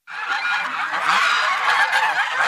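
A flock of geese honks loudly and continuously, many harsh overlapping calls forming a dense, close-up chorus that starts abruptly and keeps going without a pause.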